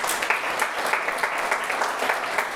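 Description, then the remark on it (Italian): An audience applauds regional councillor Matteo Campora, a dense patter of many hands clapping at an even, sustained level with no voices over it. “Matteo Campora, non ti vedo, eccoci qua, consigliere regionale, lo facciamo venire, gli facciamo anche a lui un applauso.”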